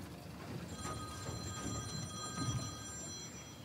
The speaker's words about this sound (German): Jetzt klingelt das Telefon.